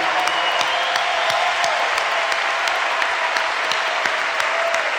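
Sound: audience applause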